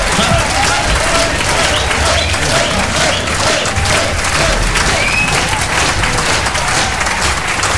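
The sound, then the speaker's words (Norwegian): An audience gives extra applause to the dance band for an excellent evening, a dense, loud wash of many hands clapping that holds at an even level for several seconds, with faint voices mixed into the crowd noise. “Ja da, gir vi en ekstra applaus til dansebandet for en fremragende kveld.”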